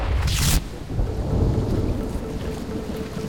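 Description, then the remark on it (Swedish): Heavy rain pours down steadily on the streets of Paris while deep rolls of thunder rumble loudly underneath, with a brief sharp hissing burst near the start; no voices are heard. “Regnet öser ner över Paris gator. Det verkligen piskar mot Pierre Curie”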